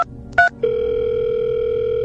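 Two quick keypad beeps from a phone, followed by a steady, unbroken electronic ringing tone of a phone call before it connects, humming on at moderate volume, with no voices present.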